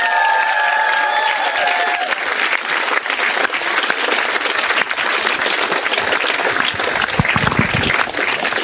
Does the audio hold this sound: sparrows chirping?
no